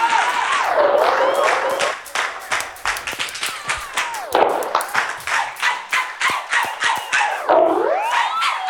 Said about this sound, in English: Everybody give yourself a round of applause tonight for coming out.